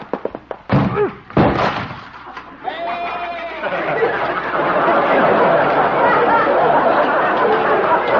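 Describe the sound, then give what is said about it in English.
Several heavy thuds and slams as Doc's door is smashed through, then a sustained, loud, noisy clatter of wreckage with a brief animal bleat mixed in. “I can just beat into the door.”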